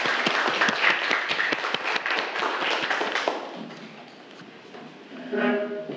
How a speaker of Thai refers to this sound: ครับนักเรียนปรบมือให้เพื่อนทั้ง2กลุ่มด้วยครับ